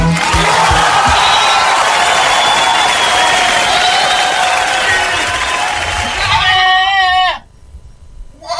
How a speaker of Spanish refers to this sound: Lo que más me gusta de Tulahuén son las cabras. ¡Oh, qué ricas las cabras! Mira, ahí están.